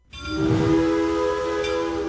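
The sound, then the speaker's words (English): A train whistle sounds in one long, steady blast, loud, with rich layered tones held from start to finish and no voices present. “When you hear that whistle, you know exactly where you are.”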